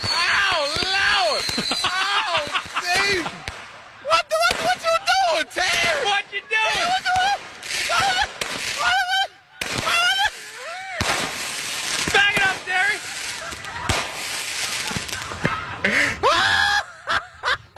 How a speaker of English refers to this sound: I know you've probably heard it many times before, to laugh at a guy as he's getting fireworks raining down on him.